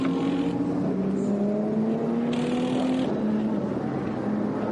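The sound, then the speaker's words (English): The engine of the HRT Performance Porsche race car drones loudly and steadily as it comes into the pits for a full service, its pitch creeping slowly upward, over a constant hiss like tyres throwing spray off a wet track. No voices. “Igor Sorokin brings the HRT Performance Porsche into the pits for a full service”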